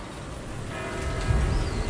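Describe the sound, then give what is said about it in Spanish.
Church bells ring out at 8 o'clock, their sustained metallic tones swelling in after a brief moment and ringing steadily over a low background rumble, with no one speaking. “Mira, escucha las campanas.”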